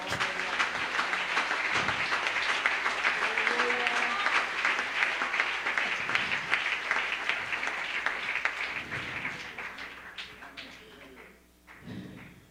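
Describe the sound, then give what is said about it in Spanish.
People clap for God in a dense, sustained wave of applause, with faint voices mixed in; the clapping gradually thins out near the end. “Dele un aplauso a Dios.”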